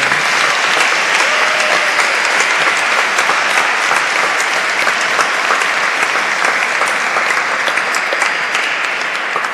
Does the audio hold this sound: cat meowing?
no